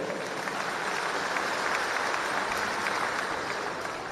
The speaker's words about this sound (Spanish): ¡Fuerte los aplausos!